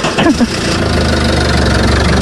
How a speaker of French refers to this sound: Qu'est-ce que c'est que ce bruit, tous les six? Un moteur qui démarre, mais avec un peu de mal quand même. Hein. Oui, j'avoue que le moteur a besoin d'un peu de contrôle technique.